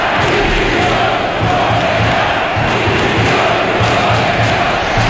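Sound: stadium crowd chanting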